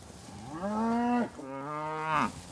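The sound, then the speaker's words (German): Cows moo twice in succession, each a long, loud, tonal low with rich harmonics; the first call rises then holds steady, the second sounds deeper and ends with a brief upward swell. The hungry cows are being let in to fresh feed on the Sophienhof farm in Mecklenburg-Vorpommern. “Seine Kühe haben nur eines im Sinn: schnell ans frische Futter.”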